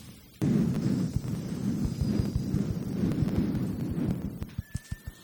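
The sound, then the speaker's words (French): A group of voices imitates wind through leaves with a sustained breathy whooshing and shushing, joined by faint high whistles and a run of soft, regular thumps toward the end. “On va commencer par installer tranquillement des arbres et du vent dans les feuilles des arbres.”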